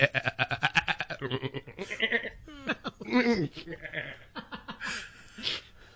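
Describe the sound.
A goat bleats loudly and close by in a rapid, stuttering series of quavering cries, then lets out a few longer wavering bleats, with voices mixed in.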